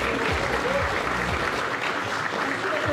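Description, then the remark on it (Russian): Sustained applause from a large audience fills the space, a dense, steady wash of clapping at constant loudness with no pauses, with a faint murmur of voices mixed in underneath. “Во, за гэтай аплодисменты.”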